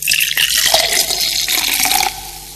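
A cold fizzy drink is poured with a steady hissing, bubbling rush of liquid, fairly loud, easing off slightly near the end. No one speaks.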